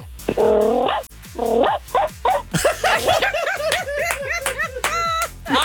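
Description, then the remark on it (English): A person imitates a cranky Pomeranian dog, letting out a quick series of yappy, growly barks and yips that rise into a rapid, agitated flurry, loud, with no other talking. “That sounded like a cranky Pomeranian to me.”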